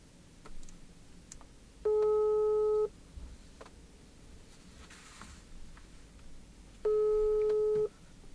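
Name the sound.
telephone call tone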